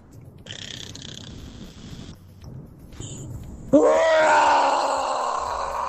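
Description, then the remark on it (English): A caller from Pretoria imitates a lion roar, attempting the Simba roar: a few breathy, rasping growls build up, then a loud, sudden throaty roar bursts out and holds for a couple of seconds, sliding down in pitch as it fades. “this is my best rendition of a lion roar.”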